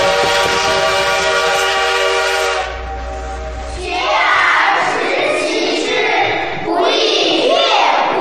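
A steam train roars past on the opening day of the Hangzhou–Jiaxing railway, opening with a long, steady whistle blast full of harmonic tones, then heavy rushing, hissing chuffs and clattering wheels that surge loud and broad.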